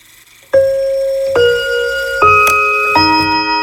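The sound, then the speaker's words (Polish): A small mantel clock plays the Westminster chime, four clear, ringing bell tones struck in sequence about a second apart, each sustaining with bright harmonics and overlapping the next. No voices. “Westminster Hamilton Mantle Bulletin.”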